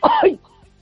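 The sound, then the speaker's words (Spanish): A single short, harsh cough blending into a throat clear, fairly loud, followed by near silence with faint breathy traces; a woman in bed coughing because of a thyroid problem. “Que tengo mal la tiroides y me hace toser mucho.”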